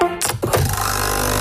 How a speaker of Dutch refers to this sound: Ah, dat is het geluid van de nieuwe Nescafé Roastery voor jouw Nespresso-machine. Geen bla bla bla. Simpelweg heerlijke koffie verpakt in een capsule.